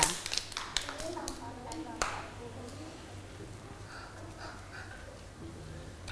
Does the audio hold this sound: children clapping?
yes